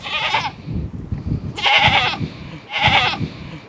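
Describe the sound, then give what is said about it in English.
Goats on a farm bleat three times in loud, nasal, wavering calls, each lasting about half a second to a second, with low rustling and farmyard noise between them. “The goat's bleating.”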